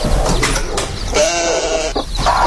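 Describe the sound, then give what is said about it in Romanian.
A lamb bleats in a wavering, nasal cry that rises and quivers, with a shorter bleat near the end, over steady low background noise and no talking. “Mă duc acasă, vă las mielul și...”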